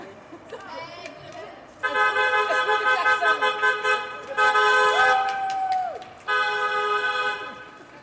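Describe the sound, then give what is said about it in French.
Loud, sustained car horns blare in street traffic in the morning, several long honks overlapping one after another, with a low murmur of voices and traffic noise underneath. “Ah bah oui, du coup, ça klaxonne.”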